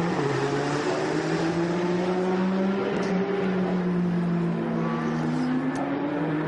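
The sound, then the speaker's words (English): A race car engine roars at full throttle, a loud, continuous high-revving whine whose pitch climbs and shifts as it accelerates, with no voices over it. “You want full throttle, full power.”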